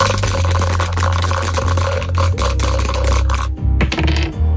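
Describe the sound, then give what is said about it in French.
A dense, continuous clatter of two dice being shaken and rolled in a board game, landing on four and four, running for several seconds over a steady low background hum, fairly loud. “Nous allons donc pouvoir lancer les dés pour recommencer quasiment une nouvelle partie.”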